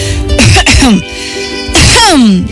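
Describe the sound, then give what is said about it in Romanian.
A voice gives two or three forced, throaty coughs in quick succession, loud, with a short pause before the last one, an acted imitation of coughing by the flower character in a reading of The Little Prince. “Umilită că se dăduse de gol pe când pregătea o minciună atât de naivă, a tușit de 2-3 ori pentru a-l face pe micul prinț să se simtă stingherit.”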